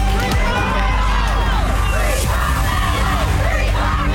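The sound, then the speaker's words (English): A crowd outside a North Texas courthouse, reacting to the verdict in the Carmelo Anthony murder trial, shouts and yells over one another in a loud, continuous roar, with overlapping voices rising and falling and occasional whoops and cheers breaking through the din. “Crowds outside of a North Texas courthouse are reacting to the verdict in the Carmelo Anthony trial.”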